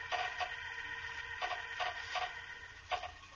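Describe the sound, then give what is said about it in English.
Nails squeak as a box lid is pried off: about five short, high, creaking squeals in an irregular run, each brief and fairly strong over a steady background hiss. “He's taken the lid off the box. I can hear the nails squeak.”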